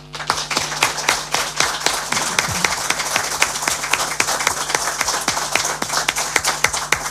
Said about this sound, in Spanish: Pues yo diría un aplauso para Eliseo Izquierdo.